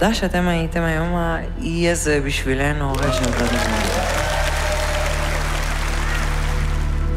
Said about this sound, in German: Ja, dafür gibt's zu Recht Applaus.